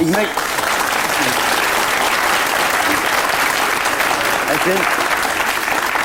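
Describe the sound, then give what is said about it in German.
Sustained audience applause fills the whole stretch, a dense steady wash of many hands clapping, with faint voices briefly surfacing beneath it. “Ich bin gar nicht neidisch auf Ihren Applaus.”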